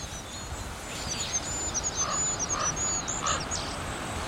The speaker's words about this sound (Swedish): Kungsfågens sång är så långt ifrån kungssången man kan komma. Och inte mycket att yvas över. Den lilla ramsan hinner inte stort mer än börja förrän den tar slut.